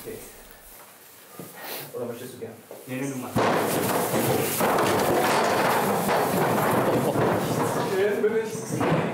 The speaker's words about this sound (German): Und jetzt auf zu Runde 2 im Ziegenboxen.